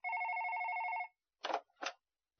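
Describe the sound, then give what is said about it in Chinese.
A telephone rings once in a steady, trilling burst lasting about a second, followed by a pause and two short, rough bursts of noise. “电话又响了。”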